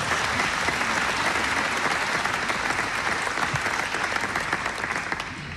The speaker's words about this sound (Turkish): Bir kez daha alkışlıyoruz.